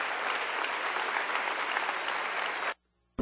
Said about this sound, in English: Come on, clap your hands and give God praise in this place. Amen. Amen.